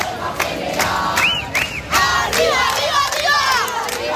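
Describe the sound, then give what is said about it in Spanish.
A large crowd of protesters shouts and chants together in the Puerta del Sol on a teachers' strike day, voices rising and falling in overlapping waves, with loud rhythmic cries and sharp whistles piercing through a constant roar. “Este es el sonido que se está viviendo desde primera hora en la Puerta del Sol”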